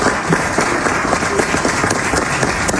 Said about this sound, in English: The thunderous applause.